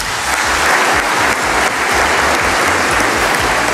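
Steady, loud audience applause for a singer: dense, continuous clapping from many hands filling the whole stretch without pause, with no voices standing out above it.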